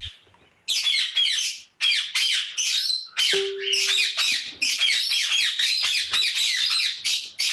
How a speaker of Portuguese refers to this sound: Assim de manhã, né? Acordar de manhã e a passarada fazendo festa. Meu Deus do céu! É muito bonito!